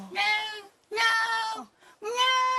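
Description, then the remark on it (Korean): A cat named Simsuni meows three times in a row at another cat, Latte, each call a drawn-out, high-pitched, whining tone with brief pauses between them and no other sounds. “이런 식으로 소리를 쭉 빼면서 이제 야옹 소리 하는데 되게 하이톤으로 이렇게 울거든요.”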